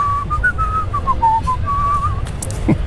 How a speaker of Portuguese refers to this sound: Não, foi naturalmente, era porque eu não tinha dinheiro para contratar orquestra e então era mais fácil eu assobiar. Foi improvisado. Por isso há sempre ali uma parte, quando é para entrar as cordas ou os sopros, sou eu que